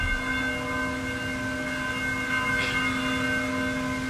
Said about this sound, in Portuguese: alguém bateu esse sino lá pra gente agora na entrada. Só pra gente ouvir o som e pra quem tá na rádio também ouvir aí o som, ó.